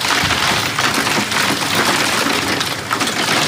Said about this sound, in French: Ailleurs, en Charente-Maritime, des déluges de grêle dans les jardins de ces maisons.